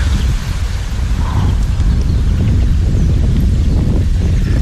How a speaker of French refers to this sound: Non, bouge pas, il y a du vent.